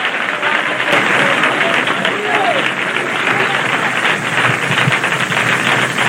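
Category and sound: crowd, audience clapping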